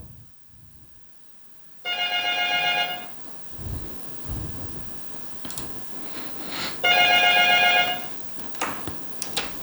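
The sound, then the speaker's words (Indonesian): A regular telephone rings in two loud bursts of about a second each, separated by a few seconds of quiet room noise and faint thumps, with no voices, before it is picked up. “Jadi ini ada kendala sedikit sahabat budaya, yang bisa terdengar suaranya ini cuma di telepon biasa. Jadi saya angkat dulu di.”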